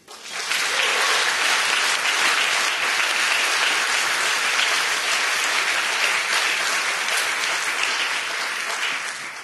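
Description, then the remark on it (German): Loud, sustained applause from a sizable audience at a live stage show, given for the performers' supporters, a dense wash of clapping that holds steady for several seconds before easing slightly at the end, with no talking over it. “Einen großen Applaus bitte.”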